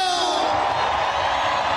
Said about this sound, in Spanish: El grito y el chiflido de la gente cabrona. Ese grito a la gente, que la gente que viene desde abajo, ese grito.